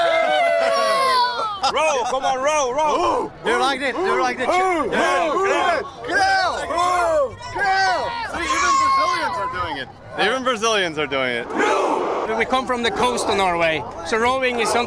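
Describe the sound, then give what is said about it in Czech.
A crowd of football fans, joined even by passing Brazilian fans, chanting together in a Viking war chant, loud massed voices rising and falling in steady, repeated bursts of shouting. “On sám je toho důkazem a k vikingskému pokřiku se nechávají strhnout dokonce i kolem jdoucí brazilští fanoušci.”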